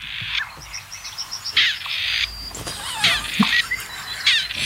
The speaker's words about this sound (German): Ich finde nach wie vor, dass das Rebhuhn klingt wie ein uraltes Telefon mit Wählscheibe.